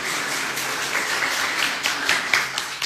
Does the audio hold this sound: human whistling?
no